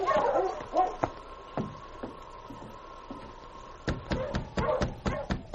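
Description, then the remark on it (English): King, Sergeant Preston's great dog, whines in a long, steady high-pitched whimper on a hard-packed trail, broken by a few short, sharp barks that come in a quicker series toward the end. “And it was some time later when Sergeant Preston and his great dog, King, went over the same hard-packed trail.”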